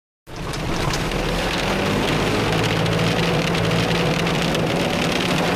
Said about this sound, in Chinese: 哇，收起来吧，收起来，咱们赶紧那个下一点啊， 来走吧，就是快走快走， 这下雨啊。